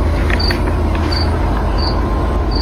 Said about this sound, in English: The cricket's in the studio.